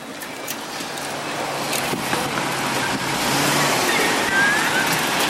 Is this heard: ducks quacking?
no